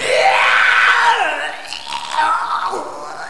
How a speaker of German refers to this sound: Und ich kotze jetzt erstmal ins Treppenhaus. Das könnt ihr ruhig alle hören.